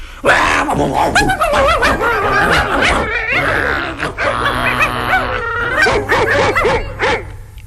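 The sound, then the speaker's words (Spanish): Several dogs bark and yip aggressively in a continuous, overlapping frenzy, loud, with snarling growls and a few whining notes mixed in. “Leonardo creía que el mundo estaba lleno de perros furiosos que querían morderlo”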